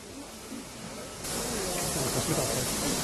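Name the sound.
steam locomotive hissing steam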